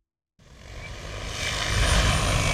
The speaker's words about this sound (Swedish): Vi står bredvid en åker i Haddom i Lovisa. En stor drönare, nästan 3 meter gånger 3 meter stor, flyger fram och tillbaks och sprider ut kalk från en behållare under till.